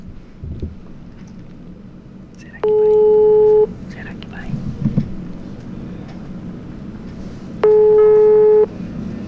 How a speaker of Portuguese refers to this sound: Vamos ver se vai chamar o telefone. Chamou, chamou.